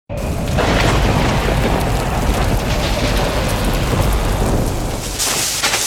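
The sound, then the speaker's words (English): A loud thunderstorm: heavy rain and hail pound steadily while deep rumbling thunder rolls underneath, with gusting wind hissing throughout and a sharper burst of noise near the end. “If you heard that recently, don't ignore it today. Hail can bruise shingles, wind can lift tabs, and falling tree limbs can crack or even punch through your roof.”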